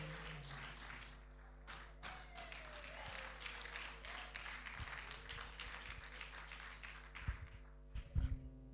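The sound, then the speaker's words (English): A church audience claps steadily after a short testimony, in a dense, continuous wash of applause, with a few sharper thuds toward the end and a low steady hum underneath. “Wow, continue clapping, continue clapping, continue.”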